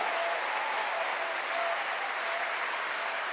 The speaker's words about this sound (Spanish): ¿Cuánto le dan un aplauso a ese Dios bueno? A ese Dios grande.